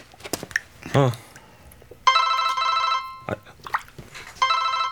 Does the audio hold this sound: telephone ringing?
yes